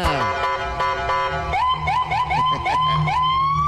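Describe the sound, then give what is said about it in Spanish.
The siren of police unit 446 sounds loudly, starting with a steady blaring electronic tone, then switching to a fast, repeating high-pitched yelp that rises into a sustained wail, with traffic rumbling underneath. “¡Prende la torreta 446! ¡Préndela!”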